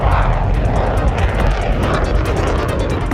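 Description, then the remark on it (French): A jet aircraft roars at full power during a steam catapult launch, a loud, continuous blast of engine noise with a heavy low rumble and hissing rush throughout, as steam is released violently to propel the aircraft. “Là, on va avoir vraiment comme des shoots d'appel de puissance où il faut libérer de la vapeur de façon assez violente pour propulser un avion.”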